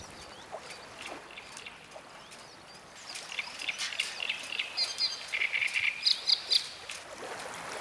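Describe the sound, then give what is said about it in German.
A male songbird, singing in competition for females at the harbour of Mardorf on the Steinhuder Meer, sings in bright, high-pitched phrases, faint at first and then louder and more insistent in the second half, with short repeated trills over a soft, steady background hiss. “Der Kontrahent auf der Birke kann da nur noch die Segel streichen.”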